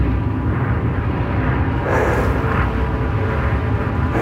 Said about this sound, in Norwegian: Det en mild og stjerneklar kveld når flyet nærmer seg Orkanger.